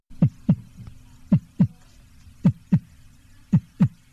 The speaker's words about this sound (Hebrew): אבל לאט לאט נתחיל לשמוע קולות קטנים יותר. נגיד, ציוצי ציפורים. או רעש של מכוניות. או רוח. או פעימות הלב שלנו.